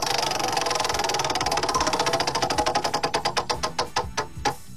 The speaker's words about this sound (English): I'm going to give it a spin. Right, here go ahead. Wheel of Topics. Let's go.